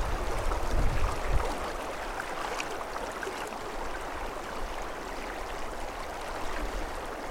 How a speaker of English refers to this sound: So the predominant sound, of course, is that of water. But it's also mid-June, and so there's flies and mosquitoes and all kinds of insects.